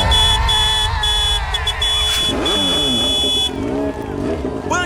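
A loud motorcycle engine roars and revs, its pitch rising and falling as it accelerates past, with a steady electronic tone sounding over it.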